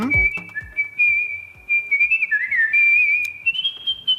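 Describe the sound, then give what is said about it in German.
A world-champion artistic whistler, born in Tokyo, Japan, whistles a melody with clear sustained tones, smooth glides and quick ornamental trills, fairly loud, over a soft rhythmic accompaniment in the background. “Das ist …. Er ist Weltmeister im Kunstpfeifen.”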